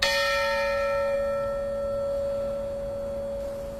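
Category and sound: signal or alarm, church tower bells ringing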